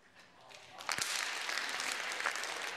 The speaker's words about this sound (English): Is that right? Psalm 47. Clap your hands.